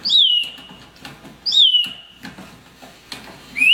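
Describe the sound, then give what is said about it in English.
An animatronic bird display, being cranked, whistles in repeated bright, descending chirps, three clear phrases over about four seconds, with a soft whirring, clicking mechanism underneath and no voices. “It's an animatronic bird.”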